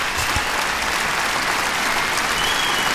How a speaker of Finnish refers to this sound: Aplodit hänelle.